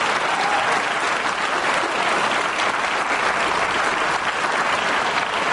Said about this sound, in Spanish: A ver, ¿será que le damos un aplauso a Dios por Juan Pablo II, no?